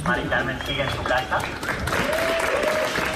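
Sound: people applauding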